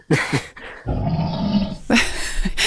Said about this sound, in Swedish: Jag älskar hur det här björnljudet kommer ut där i slutet som ett vrål.